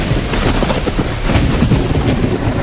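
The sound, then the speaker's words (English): Deep, rolling thunder rumbles steadily for a few seconds over a constant hiss of heavy rain, loud throughout with no voices. “When suddenly the skies opened up and the thunderers came to help.”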